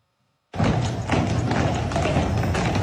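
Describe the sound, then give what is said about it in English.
Heavy hooves of the Budweiser Clydesdales, an eight-horse hitch of horses about 6 feet tall at the shoulder and around 2,000 pounds, clip-clop steadily on pavement while parading along River Street in Savannah, Georgia, for the brand's 150th anniversary; a dense, continuous clatter of many hoofbeats that starts abruptly and stays loud throughout. “Celebrating its 150th anniversary by parading its famous Clydesdales through Savannah.”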